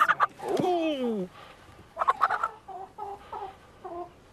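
Frisky hens clucking: a loud, drawn-out squawk that slides downward, then a string of short, choppy clucks and brief calls at an uneven pace, with no one talking.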